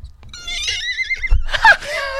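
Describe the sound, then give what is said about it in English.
A person imitates a horse's whinny: a wavering, high-pitched neigh sliding downward, ending in a breathy snort-like burst, fairly loud, with no other talking. “Shall I tell you the other thing that scares me as well, right? Mm. Horses?”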